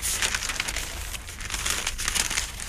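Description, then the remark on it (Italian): Crisp newspaper pages rustling and crinkling, steady for a few seconds, as the pages are handled and folded, with no voices. “Vi raggiungo subito, scusate, anche qui tendo un po' a piegarli.”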